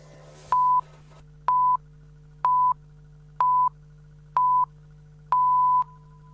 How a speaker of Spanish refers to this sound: Sonó el top. Y en Radio 750, estas son las noticias.